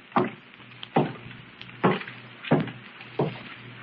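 Five heavy, muffled footsteps of someone walking upstairs thud at a slow, steady pace, each a dull knock over a faint low hum, with no voices.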